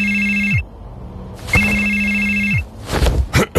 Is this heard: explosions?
no